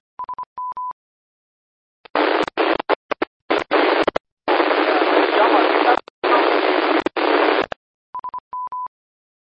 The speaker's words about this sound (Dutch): Ik vang alleen het woordje jammer en de rest is helaas ruis. Dus net te ver weg of een andere positie, misschien lukt het dan.